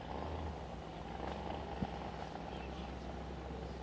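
A single-engine catamaran powerboat with a Mercury engine runs steadily, a low continuous rumble with a humming drone and broad rushing noise that holds unbroken throughout, moderately loud.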